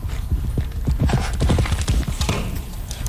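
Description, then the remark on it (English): Rapid, rhythmic hoofbeats of a galloping horse pound steadily, a dense run of loud thuds repeating for about three seconds with no voices. “Your horse is at the high point, they're up in the air, and there's no interference from the feet on the ground.”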